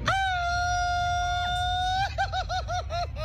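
A loud Mexican grito in a grito battle, timed at 4.5 seconds: one long sustained high yell held for about two seconds, breaking into a rapid series of warbling, yodel-like whoops at the end.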